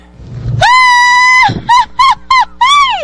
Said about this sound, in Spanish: Ahí está el grito de la rielera.